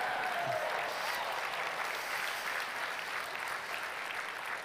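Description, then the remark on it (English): An audience claps steadily for the speaker's wife, a dense, even wash of applause that holds at a constant level from start to finish with no talking over it. “I should like text her and say everyone applauded for her.”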